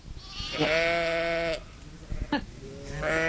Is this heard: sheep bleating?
yes